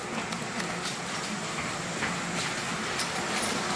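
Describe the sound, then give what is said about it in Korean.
A train at the end of a two-hour-forty-minute night run that finished at 11 p.m. rumbles steadily with a broad, continuous rushing noise and faint clanks now and then. It is fairly loud throughout, with no voices. “기관사는 마지막 승객이 내리는 것을 확인하고 나서야 열차에서 내리는데요.”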